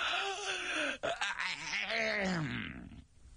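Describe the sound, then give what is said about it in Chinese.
A storyteller's male voice imitates a long, drawn-out yawn of one of two young men carrying lanterns at night: a groaning vocal sound with a brief catch in the middle, then a wavering sigh that fades at the end. “一看这俩人呢是年轻的，手里拎着灯笼，其中一个打着哈欠。”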